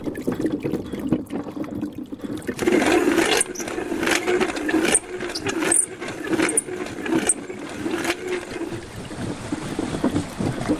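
The water wheel of a flour mill at Saouzas in the Hautes-Pyrénées, France, set beneath the mill and linked directly to a stone millstone without gearing, turns steadily, churning and splashing water in a continuous rush with recurring sloshes and a low rumble underneath, with no voices.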